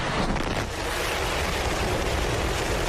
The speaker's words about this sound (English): SpaceX carrying out a test flight of its Starship spacecraft, the most powerful launch vehicle ever built from its facility in Starbase, Texas. 5, 4, 3, 2, 1.